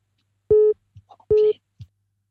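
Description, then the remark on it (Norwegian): Two steady, loud telephone busy-signal beeps, each about a quarter second long, after a caller hung up, with faint voice fragments murmuring between them. “Ja, der ble lagt på, men jeg regner med vedkommende ringer opp igjen.”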